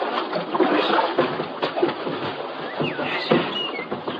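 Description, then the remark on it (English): A small boat pulls in to the shore of a river, water sloshing and splashing steadily against the hull, moderately loud, with faint chirping sounds in the background. “Well, let's pull in the shore here”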